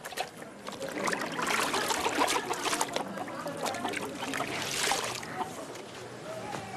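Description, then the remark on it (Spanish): Wet clothes are lifted out of water, with steady splashing and trickling as water pours and drips back down, fairly loud and continuous, swelling briefly near the end. “Saca ya la ropa del agua para que se seque antes de la noche.”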